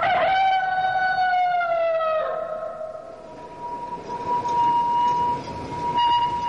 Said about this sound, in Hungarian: Az első villamos.